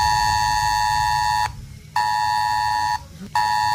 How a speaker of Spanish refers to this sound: El sistema público Es Alert enviará en horario de mañana un aviso como este de prueba a los teléfonos móviles ubicados dentro del municipio y también en zonas próximas dentro de un perímetro aproximado de 5 kilómetros.